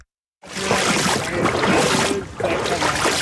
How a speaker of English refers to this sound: I'm wading through the Norwalk River